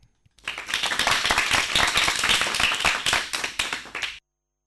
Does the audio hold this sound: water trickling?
no